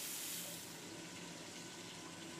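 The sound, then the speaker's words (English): Water used to cook bacalhau is poured steadily, little by little, into a hot pan of lightly sautéing cornmeal, a continuous rush of liquid with a hissing sizzle that stays loud and constant throughout, with no voices. “We lightly sauté the cornmeal and keep adding the water we cooked the bacalhau in, little by little, until it's tender all the way through.”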